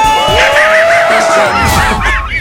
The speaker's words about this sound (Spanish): caerle con el Coyote y el Correcaminos gritando muy fuerte, ¡aquí suena! ¡Qué buena! 97.1. ¡Y venga ese grito!